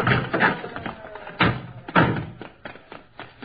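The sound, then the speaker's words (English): A stuck car door is yanked and forced open to get a trapped man out, giving a run of heavy clunks and rattling thuds. Two louder bangs stand out among smaller knocks, with no talking. “Hey, that door's stuck.”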